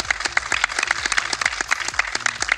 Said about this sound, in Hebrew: ואנחנו כאן בעיר רחובות, אז קודם כל מחיאות כפיים לרחובות.